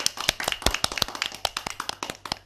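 A group of children claps for a speaker at a program, with many quick, uneven, overlapping slaps that keep a steady pace for a couple of seconds at moderate loudness. Nobody speaks.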